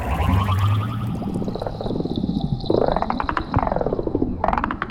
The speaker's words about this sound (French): J'ai l'impression que le clic-clic de cet hippocampe a changé. On dirait un appel de détresse. Oh, je crois qu'il a besoin d'aide.